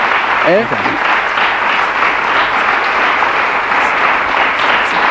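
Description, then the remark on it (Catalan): A big audience ovation: dense, steady applause from a large crowd, loud and sustained throughout, with a brief voice rising over it near the start. “Mira, fíjate la ovación gorda.”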